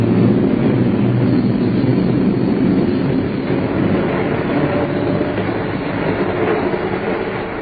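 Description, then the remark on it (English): A train rolls steadily along the rails, a loud, continuous low rumble with faint rhythmic clatter, heard from on board the train, with no voices. “Time drags on a train.”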